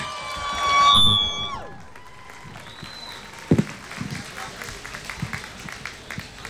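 A crowd cheers, with a loud whoop that slides downward at the start, then scattered applause and chatter continue at a lower level for several seconds.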